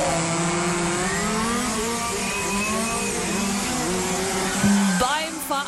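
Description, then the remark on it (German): Several small electric motors of radio-controlled model cars racing against each other on a race track at AMC Hamm's open German championship 2026 whine and buzz together in a steady, high-pitched drone, pitch rising and falling as the cars speed up and slow down, with a brief louder burst near the end. “Heißt, ganz viele funkferngesteuerte Modellfahrzeuge treten da auf der Rennstrecke gegeneinander an.”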